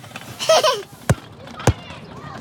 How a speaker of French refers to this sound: Et un garçon qui joue au ballon.